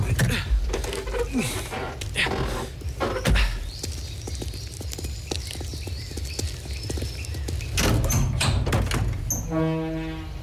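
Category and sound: household object, back door being opened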